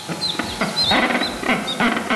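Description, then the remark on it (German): Rockhopper penguins, parents raising ten chicks that hatched in April and are now learning to swim, call in a noisy, overlapping chorus of harsh, braying squawks from several birds, with no talking. “So klingen sie, die Felsenpinguine.”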